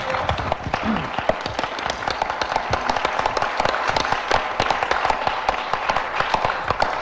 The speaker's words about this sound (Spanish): Diga gloria a Dios. Un aplauso para el Señor Jesucristo.